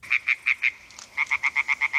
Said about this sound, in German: Quakende Frösche und rufende Fledermäuse. Wir sind an einem Weiher in Oberbayern. Eine Aufnahme des Klangkünstlers Joshua Bonetta.